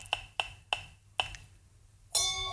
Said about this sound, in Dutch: Ik ga draaien. Maak je ook een geluidje? Als het goed is wel, ik zou mijn microfoon er even bij kijken wat hij doet. Ja, dat is goed. Hey. Wat cute, hè? Digitaal klikje. Dat is toch heerlijk.